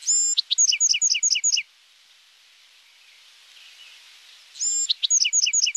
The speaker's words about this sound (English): Each adult male Buick's Wren has his own set of songs.